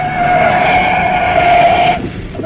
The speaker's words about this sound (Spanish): Enfilaba el auto a toda velocidad por la carretera rumbo a Liverpool.